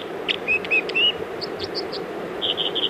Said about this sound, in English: Just above that water, now fluttering down off a little perch, is the bird making that song. It's called the dipper or the water ouzel.